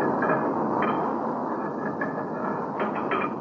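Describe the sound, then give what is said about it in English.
A heavy metal cover on a furnace charging hole is shifted shut, giving several short clanks and scrapes over a loud, steady roar of the fire. No one speaks. “Oh, I have the charging hole open. The furnace roared so loud, I called to you at the top of my lungs.”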